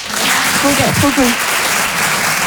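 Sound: audience applause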